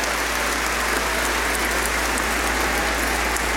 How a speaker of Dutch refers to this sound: Ik wil de thuiskijkers ook welkom heten met een warm applaus. Zullen we doen, jongens? Welkom.